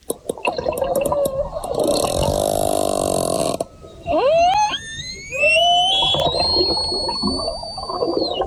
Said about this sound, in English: The sound of orca whales in the Strait of Gibraltar, where Spanish officials have launched an investigation after the matriarch of a pod of whales known for jostling boats off the Iberian Peninsula